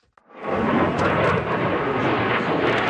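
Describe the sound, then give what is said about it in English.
A loud, continuous jet roar swells in after a brief click and stays powerful and steady, a dense rushing blast of engine noise from a next-generation fighter jet on display at a major international air show in the U.K. “At a major international air show in the U.K., the next generation of fighter jet is on display.”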